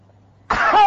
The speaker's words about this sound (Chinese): 你告诉我，都是丹田，咔一个咳嗽不？ 那没问题，没问题，大点劲儿，大点劲儿。 痰嗽一声